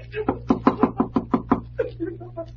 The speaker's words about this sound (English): Well, I guess it won't hurt to rap on the door.